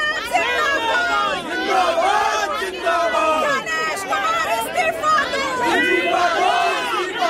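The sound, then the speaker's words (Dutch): A crowd of protesters in India shouts and chants together, calling for chief election commissioner Ganesh Kumar to step down, many voices overlapping in loud, continuous rising and falling cries with no pause throughout. “Ja, je hoort demonstranten in India roepen dat Ganesh Kumar, de chief election commissioner, daar af moet treden.”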